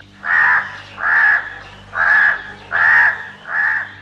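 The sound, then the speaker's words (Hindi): A crow caws five times in a steady, evenly spaced series, each call loud and harsh, with no voices over them. “उस पेड़ पर एक कौवा रहता था।”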